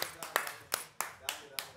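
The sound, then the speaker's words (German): A short burst of applause for a band: about seven sharp, bright hand claps in a loose, uneven rhythm, fairly loud, with no talking over them. “Applaus für euch!”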